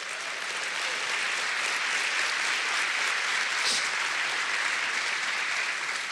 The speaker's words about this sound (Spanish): Si va a aplaudir a Dios, dele fuerte.